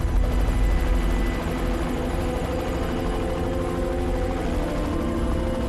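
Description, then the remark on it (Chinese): A formation of armed helicopters of the Chinese People's Liberation Army roars overhead during a live combat exercise in Shanxi, China, over the former battlefield of the Battle of Xinkou; a loud, steady, throbbing drone of rotors and engines fills the whole recording without pause and with no voices. “机群下方就是70年前抗战中忻口战役的战场。”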